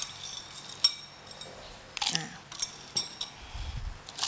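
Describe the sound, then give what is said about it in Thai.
Ice cubes drop into a blender jar in a few separate bursts, each a sharp clink and clatter spaced irregularly across a few seconds, with no one talking, as ice is added to chill a blended fruit drink made without sugar. “แล้วก็อาจจะใช้น้ำแข็งลงไปช่วยนิดนึงเพื่อให้เกิดความเย็นนะคะ”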